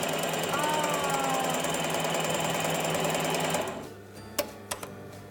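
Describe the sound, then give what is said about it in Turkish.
A sewing machine stitching elastic onto knit fabric runs in a steady, fast mechanical whir for about three and a half seconds, then stops, followed by a few sharp clicks. “Ve dikiyoruz.”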